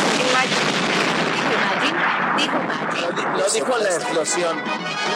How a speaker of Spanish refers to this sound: Lo dijo la explosión.